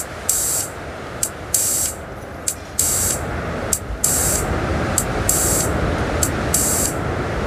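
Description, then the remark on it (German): Steady synthesizer filter noise hisses throughout from small sound devices being warmed up, with bright, sizzling high bursts switching on and off in an uneven rhythm over the rushing bed. Fairly loud, with no voices. “Da hören wir den Filter rauschen.”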